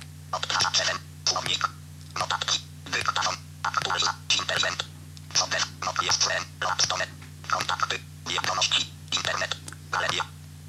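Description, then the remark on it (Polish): A Nokia mobile phone's synthesized screen-reader voice speaks in quick, clipped bursts, about fifteen short utterances in a row, thin and slightly muffled over a steady low electrical hum. “Oczywiście może korzystać z Nokia Haku, czyli z głosów wbudowanych w telefon Nokia.”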